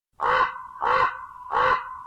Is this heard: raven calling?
yes